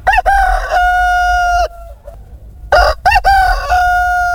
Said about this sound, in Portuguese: Bom dia, o galo canta. O galo canta é sinal de que o dia amanhece, Brasil.